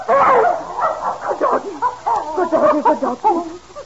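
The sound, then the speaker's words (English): A dog barks excitedly, a rapid run of high yips and yelps with short pauses between bursts, loud and continuous for a few seconds. “Oh, that blasted doggy's gone and started digging under Master's...”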